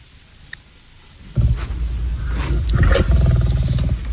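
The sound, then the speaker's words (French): A lion gives a deep, rumbling roar that starts abruptly after a quiet moment and swells louder and rougher, powerful, with no talking. “Le lion a bondi sur elle et l'a éventrée.”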